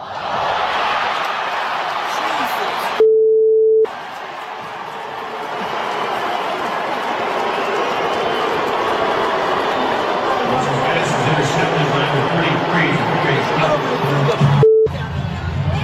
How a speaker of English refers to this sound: Talking about Deshaun Watson. If you missed it, he got booed today after throwing a pick in the Browns' home preseason game.